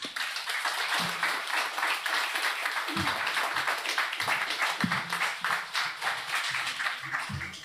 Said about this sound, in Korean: 두분큰 박수로 앞으로 모시겠습니다.